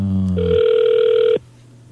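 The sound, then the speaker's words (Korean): A telephone rings on an unanswered call placed to a listener's regular phone line: a steady electronic tone, clear and fairly loud, holds for about a second before cutting off abruptly, leaving a faint low hum and no voices. “3279번님 일반 전화로 지금 전화 갑니다. 받으시면 됩니다. 전화 안 받으시네요.”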